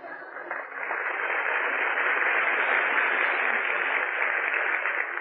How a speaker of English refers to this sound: Well, go on, applaud.